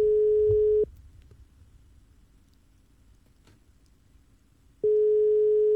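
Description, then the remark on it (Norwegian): A steady telephone ringing tone sounds twice, a long tone at the start and another near the end, separated by a few seconds of quiet line hiss with faint low rumble. “Der, ring da. Ja, det ringer.”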